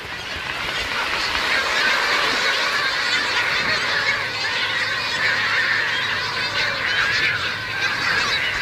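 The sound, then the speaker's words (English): A dense chorus of Heermann's gulls calling from a large nesting colony on Isla Rasa, countless overlapping harsh, nasal cries forming a loud, continuous wall of sound with no pauses and no voices. “Heerman's gulls fly thousands of miles south along North America's Pacific coast, arriving in flocks and settling down to nest, virtually blanketing every flat area of the island.”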